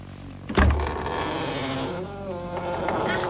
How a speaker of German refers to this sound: Und dann kann ich den Riegel hier rausziehen. Ob es weit genug ist. Und dann kann ich wieder die Tür aufmachen. Achtung, jetzt gibt es einen ganz tollen Geräusch.